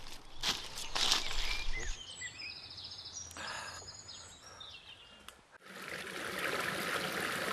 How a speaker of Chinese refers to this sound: 我们到溪边了，我们在这洗澡，来，过来。 山林间有着很多小溪和清泉。